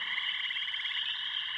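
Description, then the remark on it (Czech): A dense chorus of frogs croaks steadily, their rapid pulsing trills blending into one continuous, buzzing wall of sound, with no voices. “Alou na břeh a skákat a kvákat, žabky.”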